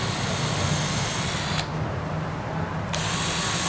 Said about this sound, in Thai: วิธีเจาะก็คือให้ตรงที่สุดเลยกดไปให้เต็มเลยนะครับแล้วก็ดันเข้าไป